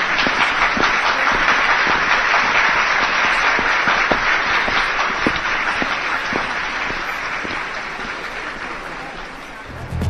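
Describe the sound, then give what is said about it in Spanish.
An audience applauds steadily for about ten seconds, a dense wash of many hands clapping at an even volume that eases off slightly toward the end. “Un aplauso, por favor.”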